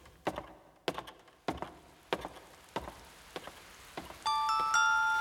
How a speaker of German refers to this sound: Was ist das für Musik? Das ist nur der Regen, der auf das Schlossdach tropft.